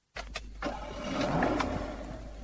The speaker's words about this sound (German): Feine Musik, oder? Was für Musik? Das Zufriedentönli vom Motor. Aha, das. Ich höre kaum etwas. Eben, das ist Musik für meine Ohren.